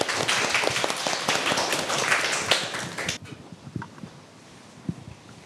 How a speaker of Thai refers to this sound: ขอเสียงปรบมือให้กลุ่มที่5ด้วยครับ